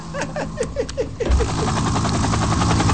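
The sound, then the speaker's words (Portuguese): A loud roar of an airplane passing overhead, with a rapid, rhythmic pulsing that swells after a brief lead-in and stays steady for the rest, with no one talking over it. “Espera só um momento, deixa o avião passar.”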